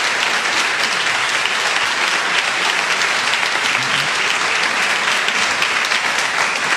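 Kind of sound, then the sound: crowd, studio audience applauding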